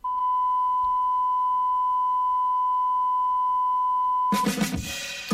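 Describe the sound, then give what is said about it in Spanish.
A steady, high electronic tone hums alone for several seconds before a song abruptly kicks in near the end, loud and full, with dense instrumentation. “la canción que estáis escuchando ya”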